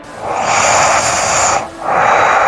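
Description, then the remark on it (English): Heavy, rushing breaths through the nose of a sleeping person, two long airy draws separated by a brief pause, loud and steady with a hissy, almost vacuum-like roar and no talking. “That's all nose. Some heavy nose breathing. Yeah, it's all nasal passage.”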